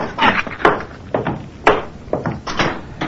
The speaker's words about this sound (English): would you close the door on your way up?